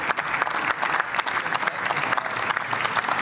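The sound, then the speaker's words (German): Sustained applause from a large crowd in a parliament chamber, dense overlapping clapping at a steady loud level throughout, with no clear voices standing out. “Und in der Regel ist es der Regierungsbank nicht erlaubt zu klatschen.”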